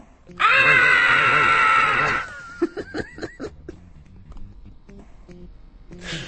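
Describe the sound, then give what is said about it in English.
A loud, strained groan of pain after hurting the back stretches for about two seconds, harsh, followed by several short, breathy grunts and gasps trailing off. “Ow! I hurt my back.”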